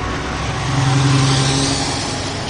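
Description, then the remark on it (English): A car engine revs up and eases off amid steady city street traffic, the rumble swelling in the middle and fading slightly, loud with no voices. “Okay, but I'm not sure that Ed Glazer would like to smell or celebrate this traffic here.”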